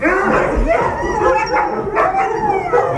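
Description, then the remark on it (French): A pack of sled dogs barking, yipping and howling excitedly all at once as people come to them, a dense, continuous chorus with overlapping high-pitched cries and no pauses. “Vous aurais mis sur le siège du kart et puis t'aurais fait un tour tracté par les chiens”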